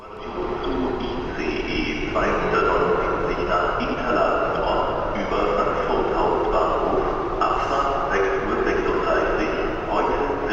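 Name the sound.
train riding on rails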